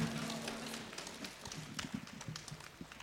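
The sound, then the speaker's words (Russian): A crowd claps steadily for about three seconds, a dense, continuous patter of many hands at moderate volume, with a faint murmur of voices underneath, applauding a band as it leaves the stage. “Провожаем и Дмитрий Богатов. Бурными аплодисментами.”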